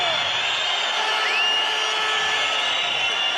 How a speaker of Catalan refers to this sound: Esbroncada del públic.